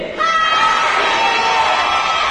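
A large audience in the upper seating section shouts together in unison whether they are having fun. It is a loud, sustained wall of voices that swells in after a brief moment and holds steady for a couple of seconds.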